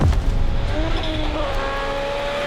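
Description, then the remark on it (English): A rally car engine roars loudly during a World Rally Championship rally in Finland, on a fast stage with jumps, its pitch climbing steadily as it revs hard over a constant low rumble, with no voices. “The cars are going to be flying here in Finland.”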